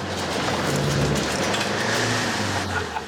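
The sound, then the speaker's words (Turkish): A car engine idles and runs steadily after its clutch was repaired, a loud continuous rumble with a low hum and faint rev fluctuations throughout, with no voices. “Çalışıyor, çünkü debriyajı onardım.”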